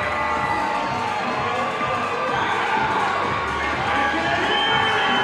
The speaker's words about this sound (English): And that loud crowd getting on their feet.